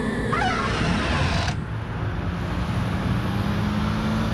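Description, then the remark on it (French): Steady street traffic ambience heard from the middle of a street, with a constant low rumble of passing vehicles, a brief brighter whoosh in the first second and a half, then a continuous, fairly loud road hum with no voices. “Pour bien saisir ce drôle de phénomène SOSO, je te propose que l'on se pose ici. Oui, oui, là, en pleine rue.”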